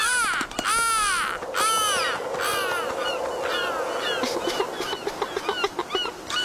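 Loud black-headed gull laughing calls, harsh rising-and-falling cries repeated in a continuous volley that quickens into short, clipped notes toward the end, as the gull laughs after snatching a fish.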